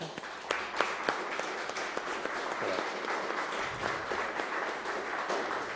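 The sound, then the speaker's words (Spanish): An audience applauds steadily, many hands clapping in a dense, even patter with a few sharper individual claps standing out at the start, holding at moderate loudness throughout. “¿Le damos un aplauso?”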